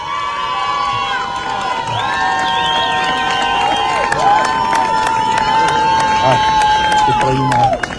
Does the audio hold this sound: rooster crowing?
no